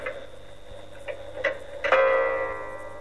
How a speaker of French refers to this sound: Elle passe donc de midi à 1 heure. L'horloge sonna 1 fois.